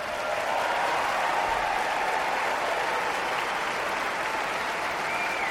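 Steady applause from an audience fills the whole stretch, a dense wash of clapping at constant loudness with no break, at the start of a live song recording.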